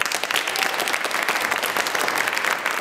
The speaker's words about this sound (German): Applaus für Navanitem Pillay. Die 85-jährige Juristin und Menschenrechtlerin betritt den historischen Gerichtssaal 600 im Nürnberger Justizpalast.